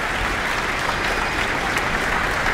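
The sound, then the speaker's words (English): Sustained applause at the Auckland Town Hall from a large concert audience and musicians on stage for a soloist after a performance, a dense, even wash of clapping at steady loudness with no voices standing out. “She's back, taking in a bit more of the applause here at the Auckland Town Hall.”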